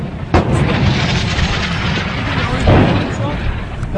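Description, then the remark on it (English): Two sharp, heavy blasts, one early and one near the end, ring out over a continuous rough rumble, like explosions and gunfire from a firefight about 100 metres ahead near Corioli, with explosions in front and behind. “The explosions were in front and behind.”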